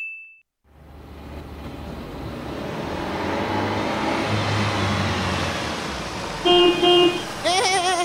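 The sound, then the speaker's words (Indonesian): A car engine revs up loud, its roar swelling steadily for several seconds, followed by a couple of short horn-like toots and a warbling electronic tone at the end. “Masya Allah, gagana ini mobil ta”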